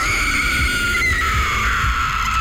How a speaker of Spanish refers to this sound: dimos cuenta del porqué el llanto de la llorona.